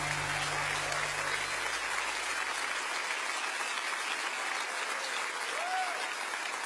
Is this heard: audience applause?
yes